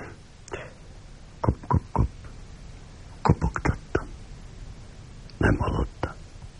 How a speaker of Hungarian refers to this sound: Hallottam. Hetek óta hallom. De nem ismerem a zoológiát. Nem tudom, hogyan szoktak a kopogó bogarak hívására válaszolni.